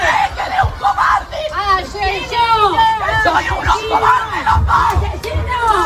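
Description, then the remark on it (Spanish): A crowd of dozens of neighbours shouts angrily, yelling 'asesinos' (murderers) as a Guardia Civil armoured van arrives at about 9:45 in the morning. Many overlapping raised voices form a dense, continuous hubbub with strained, rising cries, loud throughout. “decenas de vecinos esperaban ese momento, gritos de asesinos, asesinos. Si quieres podemos escucharlo.”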